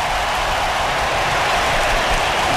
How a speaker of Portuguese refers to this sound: Até os ingleses estão aplaudindo.